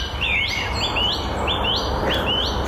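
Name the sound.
blackbird song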